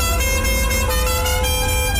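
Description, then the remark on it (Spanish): Loud, sustained car horns blare together in dense traffic, overlapping honks holding steady with a low engine rumble beneath, continuous for the whole moment. “¿Estás en el tráfico?”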